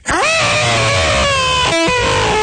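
A hawk whose wing is caught in a barbed wire fence by a mountain county road gives a piercing, sustained scream that rises sharply at the start, then holds a harsh, strained high tone for about two seconds, breaking briefly before one last shrill burst.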